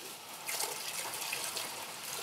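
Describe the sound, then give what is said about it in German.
A whole bottle of alcohol pours steadily for a couple of seconds, a continuous hissing splash that swells slightly after the start and holds even, with no one talking. “So, und jetzt Alkohol. Direkt die ganze Flasche.”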